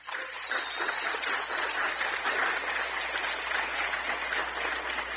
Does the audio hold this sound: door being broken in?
no